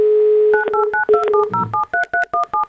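A steady dial tone gives way to a quick run of about a dozen touch-tone keypad beeps as a radio show on Avtoradio calls a listener, each a short two-pitched chirp, evenly spaced and fairly loud, with no voices.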